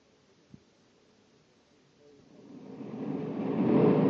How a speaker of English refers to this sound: Corey's landing right where I figured he would. Stay behind the trees until he's out of the ship.